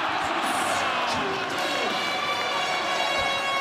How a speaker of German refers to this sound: Ganz viel Jubel. Zu Recht. Immerhin hat die deutsche Fußballnationalmannschaft Curaçao mit einem 7:1 besiegt. Und ihr fandet es einfach nur cool, das in der Eishalle zu verfolgen.